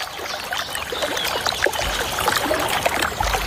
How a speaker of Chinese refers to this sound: 水花飞溅的声音唤醒了小山雀那颗好奇的心，一群年轻的蓝山雀正在一起享受沐浴。